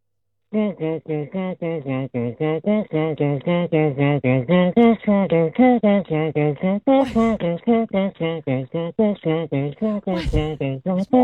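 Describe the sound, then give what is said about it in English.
A voice beatboxes while humming a song in steady, rhythmic pulses, with a couple of sharp percussive mouth sounds cutting in, a fairly loud beatbox-and-hum mix with no spoken words. “I don't know if that's beatboxing. That sounds like yes, it is. You got humming in it.”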